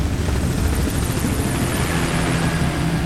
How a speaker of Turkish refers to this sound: Lanet helikopter.